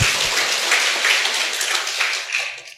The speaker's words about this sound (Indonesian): Kasih tepuk tangan kepada Tuhan.